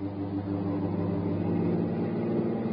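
A fast car doing 70 on a smooth road, its engine droning steadily at speed, a constant low hum with no breaks, heard from inside the vehicle, with no voices.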